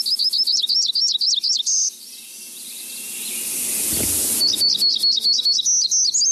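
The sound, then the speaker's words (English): A hermit warbler sings a rapid series of high, buzzy notes, breaks off under a swell of rushing hiss, then repeats the thin, insistent phrase. No voices. “as well as hermit warblers that breed in the Pacific Northwest.”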